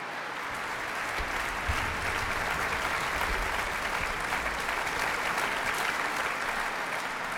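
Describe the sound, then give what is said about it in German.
Sustained applause from a large concert audience for violinist Simone Lamsmann as she receives a bright yellow sunflower, and for the NDR Elbphilharmonie Orchestra and chief conductor Alan Gilbert. It is a dense, steady wash of clapping that swells slightly after the first second and continues evenly throughout, with no one speaking. “Und dazu bekommt sie jetzt gerade noch eine leuchtend gelbe Sonnenblume und noch jede Menge Beifall vom Publikum.”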